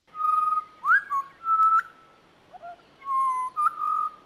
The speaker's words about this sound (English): This is one of the butcher birds. It's this is the pied butcher bird. Have a listen.